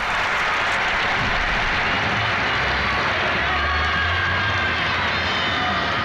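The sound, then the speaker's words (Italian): A large audience at the Pope's general audience applauds his arrival in a dense, continuous wash of clapping that stays loud and steady for about six seconds, with a faint crowd murmur underneath and no talking. “Momento l'applauso sottolinea la sua presenza.”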